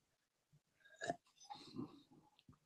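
A quiet slurping sip of tea, followed by a swallow and a soft breathy exhale, with no talking.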